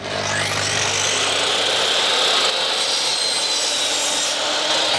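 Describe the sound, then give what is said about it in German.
A power saw whines as it cuts scrap wood to size for self-built boxes at the Klimawerkstatt in Bremen's Neustadt, a steady, loud grinding rasp that rises in pitch at the start and holds for several seconds with no talking. “Dann schmeißen wir doch mal die Säge kurz an.”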